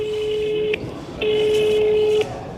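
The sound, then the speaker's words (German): A telephone ringback tone while calling a hospital: two long, steady electronic beeps at a single pitch with a short gap between them, clear, over a faint background hiss. “ruft nochmal im Krankenhaus an.”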